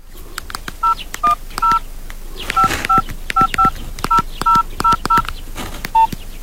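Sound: telephone keypad dialing tones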